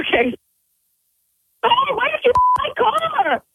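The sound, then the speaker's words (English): A short, clear electronic phone tone, like a call connecting, sounds once between bursts of fast talking, with a couple of sharp clicks around it, as an incoming call is three-wayed in at a radio station. “She's actually calling me right now. Three-way the call in, and we'll sit back from the radio station and just listen in, all right?”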